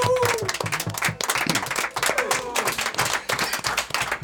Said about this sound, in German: Da sind wir mächtig stolz drauf, dass wir so einen aktiven Dyke-March in Nürnberg haben und nochmal großen Applaus und Dankeschön.